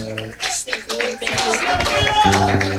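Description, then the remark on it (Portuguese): A church audience claps together in a steady, loud burst of applause, clapping in joy for Jesus during a worship service, while a voice speaks or sings over the start and end. “As palmas são de alegria para Jesus.”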